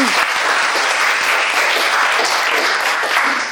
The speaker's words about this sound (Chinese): 好，掌声送给他。